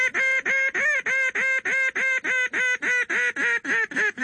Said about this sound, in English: If you were in a blind and you saw some ducks and they were a fairly good distance away, say, you know, 400 or 500 yards away, you would use a long, loud, screaming call, which is usually called a highball.